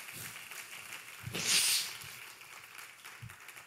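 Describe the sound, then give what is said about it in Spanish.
An audience applauds the Lord during a church sermon in a steady, dense wash of clapping that swells briefly louder midway, then settles back to a sustained, moderately quiet patter with no voices over it. “Give a strong round of applause to the Lord.”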